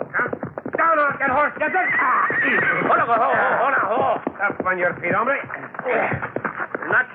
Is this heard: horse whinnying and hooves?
yes